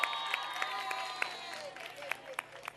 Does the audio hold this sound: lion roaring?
no